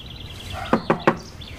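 Police officers knock on a house door to question the resident: three quick, firm knocks in an even rhythm, clear, with faint birdsong twittering in the quiet background.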